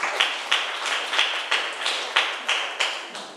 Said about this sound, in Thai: นักเรียนเก่งมากค่ะปรบมือให้ตัวเองหน่อย